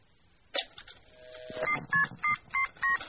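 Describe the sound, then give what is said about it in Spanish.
A series of five distinct telephone keypad tones beep in a steady rhythm, each a short dual-pitched electronic blip, preceded by a brief click and faint handling noise, as a 'magic telephone' is dialed to call Albert Einstein. “A ver. Marquémosle.”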